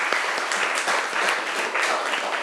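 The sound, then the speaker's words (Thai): People clapping steadily for group 5 after its presentation of printed artworks, dense overlapping claps with a few sharper individual hits standing out, fairly loud and sustained for the whole stretch with no voices. “ขอเสียงปรบมือให้กลุ่มที่5ครับ”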